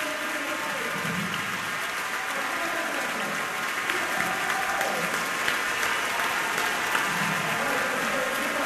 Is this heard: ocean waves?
no